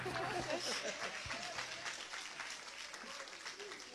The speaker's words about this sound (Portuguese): Receba a serva de Deus com palmas para Jesus.